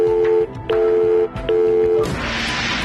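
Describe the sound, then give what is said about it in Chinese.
Three short telephone keypad beeps from pressing the 7 key, steady and evenly spaced, followed by a wash of bright, hissy noise. No one speaks. “比如接到170开头的电话，你可以 请按7。”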